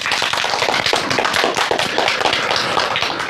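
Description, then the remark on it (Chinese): Sustained applause from a large audience of students welcoming Hu Xiaochun, the 19th keeper of the Huangshan Welcoming Pine, as the day's second ideological counselor: a dense, even wash of many hands clapping at once that stays loud and steady throughout, with no voices standing out. “同学们，让我们掌声有请今天的第二位思政辅导员胡晓春老师，欢迎。”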